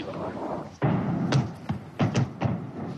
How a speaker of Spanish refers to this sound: ¿Has oído las explosiones? Sí, justo ahí. El polígono se encuentra justo detrás de esa colina.